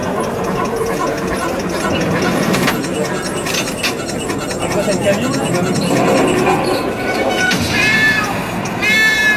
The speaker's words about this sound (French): Oh, les petits chats.